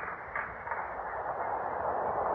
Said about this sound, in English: The train's coming.